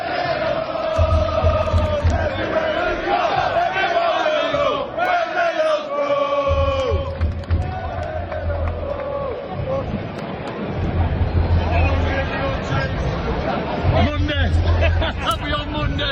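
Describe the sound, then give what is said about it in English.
A large crowd of Borough football fans sings and chants together in a stadium in Glasgow, recorded from the fifth row, a loud, continuous wall of voices with rising and falling melodic lines and rhythmic surges throughout. “I'm taking a video of the ground and all the Borough fans singing.”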